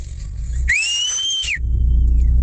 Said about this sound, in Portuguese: Bom assobio. Fez um eco, cara. Fez repete eco aí.